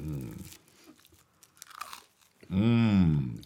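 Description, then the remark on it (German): Soft, crunchy chewing of toasted brioche and goose foie gras from Duperrier over a few bites, followed by a loud, drawn-out hummed 'mmm' of enjoyment. “Das ist die beste Foie gras, die ich je gegessen habe.”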